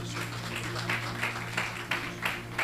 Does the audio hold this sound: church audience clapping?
yes